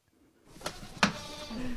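A couple of sharp knocks or clatters, then a short, nasal goat bleat near the end, heard against a low rustling background with no talking, on a goat farm outside Sundsvall just after 7 in the morning as the workday begins.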